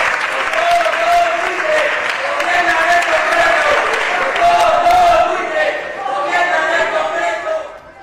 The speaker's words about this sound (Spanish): Gritos y lluvia de panfletos al levantarse la sesión.